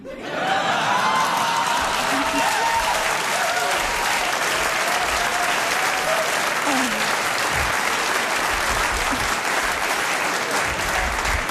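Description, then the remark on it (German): Sustained applause from a live audience at a queer comedy show, with many men clapping: dense and steady clapping with a few scattered whoops and faint laughter mixed in, continuing loudly for the whole stretch. “Ich liebe Queer-Shows, normalerweise klatschen da nie so viele Männer.”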